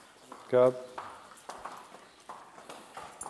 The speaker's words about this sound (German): Bei Pferdeflüsterer Ferdi wird Sandy doch keine Zicken machen und glatt auf den Hänger gehen